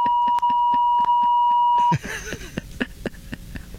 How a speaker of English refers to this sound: That's how it is when the alarm goes off and you're in a really good sleep.